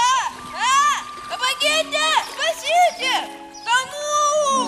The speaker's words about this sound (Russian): Как-то в конце позапрошлого века гости усадьбы князей Вяземских в подмосковном Астафьеве услышали со стороны Большого пруда истошный детский вопль.